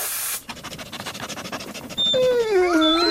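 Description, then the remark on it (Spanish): Dogs sniffing in search of a hidden smelly bone: quick, rhythmic sniffing bursts, then a loud, high-pitched whimpering whine that wavers up and down. A short hiss opens the sequence. No talking. “En Teddy reunimos un grupo de perros con olfato extremo.”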